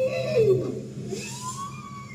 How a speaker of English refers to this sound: That's a bowhead whale.